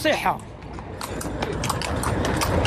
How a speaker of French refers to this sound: Quelques mètres plus loin, des dizaines de chevaux attendent pour transporter les visiteurs. À bord de sa calèche